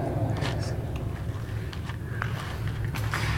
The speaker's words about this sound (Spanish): Los pasos, porque se escuchan pasos. Sí, sí, sí, o sea, tú dirías, ah, pues es normal, está zapateando. No, el güey no se mueve. No, mira, oye. Sí, se escucha como si hubiera mucha gente y nomás está él.